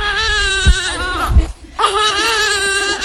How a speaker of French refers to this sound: D'autres prennent leur bouillie, tandis que la plus jeune, âgée d'à peine un mois, pleure sans répit.